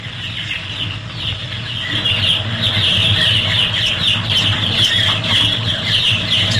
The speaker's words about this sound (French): C'est quoi, ça? Ça, c'est dans un poulailler, ça. Ouais, non, mais c'est quoi, exactement? Bah, c'est des poussins, ça. Ouais, c'est des poussins.